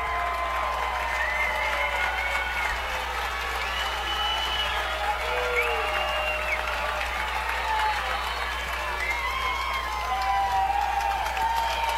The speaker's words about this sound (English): Brandon Valley crowd really getting into it here.